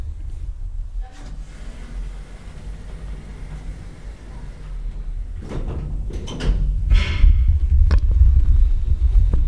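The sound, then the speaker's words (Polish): Elevator doors slide shut with a mechanical scrape and a couple of soft clunks, followed by a deeper, steady rumble as the car starts moving. The doors are moderately loud; nobody speaks. “Winda już jest, można wracać.”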